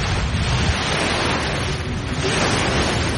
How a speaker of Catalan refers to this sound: Aquí no sé si sentiu el so de l'aire, a veure, de les onades. Pots posar el so de del mar? Fem sí, talassa? A veure... Tanquem els ulls, això és el mar.